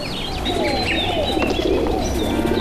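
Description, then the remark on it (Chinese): A flock of pigeons coos steadily, low throaty murmurs layered with scattered chirps and tweets from other birds, continuous throughout with no talking. “他说鸽子最大的特点是无论飞离家有多远，总能找到回家的路。”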